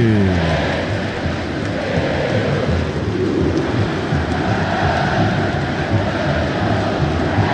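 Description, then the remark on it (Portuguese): A huge São Paulo football crowd sings the club anthem together during a match against Corinthians, a loud, continuous wall of voices with a steady rumbling roar beneath it and no commentary over the top. “A torcida do São Paulo canta o hino. Ouça a torcida que conduz na Band News FM.”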